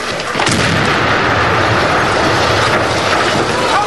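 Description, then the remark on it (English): A short-fuse demolition charge placed against the sill of an embassy balcony goes off with one sudden, loud blast, followed by a heavy, continuous roar and rumble that fills the remaining seconds without fading. “As they reach the balcony, one places a short fuse demolition charge against the sill.”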